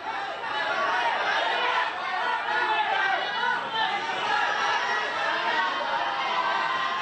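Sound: crowd chanting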